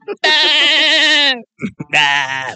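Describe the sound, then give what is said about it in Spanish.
A loud goat-like bleat, probably a human voice imitating a male goat: one long wavering cry, a couple of short clipped sounds, then a second quavering bleat. “La vaca y llega nuestro mexicano. El chivo.”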